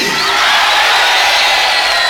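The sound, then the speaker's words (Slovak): A large audience yells "Freddy!" together in tribute to a late friend, in one loud, drawn-out shout, many voices blending into a dense, sustained roar that holds steady for about two seconds. “Môžeme mu zakričať všetci spolu, ahoj.”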